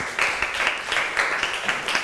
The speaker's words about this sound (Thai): ขอเสียงปรบมือให้กับเพื่อนกลุ่มที่5ของเราด้วยนั่นเองนะคะ